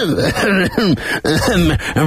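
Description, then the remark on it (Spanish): A president gives a series of rough, voiced coughs and throat-clearing sounds, fairly loud, coming in quick bursts with short pauses between them. “¿Y esa tos, presidente?”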